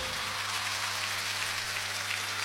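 An audience applauds in a dense, steady wash of clapping that stays even for the whole stretch, with a faint low hum beneath and no voices.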